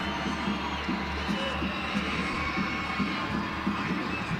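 A stadium crowd at a soccer match between Racing Louisville and the Royals on a cold night keeps up a steady, dense roar of cheering around a corner kick, with a low rumble underneath and no clear break across the few seconds.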